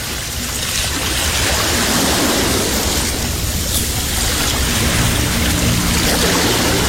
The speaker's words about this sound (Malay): Malam masih terus menyelubungi pantai. Ombak masih setia memukul pesisir.